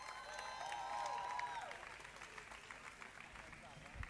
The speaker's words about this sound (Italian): E ora vi chiedo un grande applauso, più forte, per favore. Forte, fate qualche urletto.